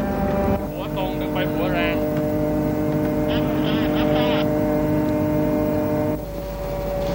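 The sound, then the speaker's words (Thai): A fishing boat's engine drones steadily and loudly at sea while a light boat lures schools of fish together, a constant low hum with tonal overtones, while indistinct voices call out over it for most of the stretch. “เรือไฟล่อปลาก็ทำหน้าที่ล่อให้ฝูงปลามารวมอยู่ที่เดียวกัน”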